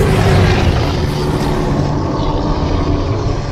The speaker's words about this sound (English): You know what? I typed in Bigfoot roar into my sound effects here, and that's what came out. I don't know if that's how Bigfoot sounds, but according to my sound effect library, that's it.